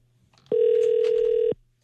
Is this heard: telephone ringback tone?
yes